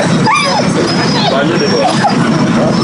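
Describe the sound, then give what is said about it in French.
Dogs whimper and yip in short, rising and falling whines, with a few barks mixed in, over a steady background of crowd chatter and outdoor noise at a World Rabies Day dog vaccination event on the Yoff grounds in Senegal. “s'apprête à partir avec ses trois compagnons à quatre pattes, dont Rambo.”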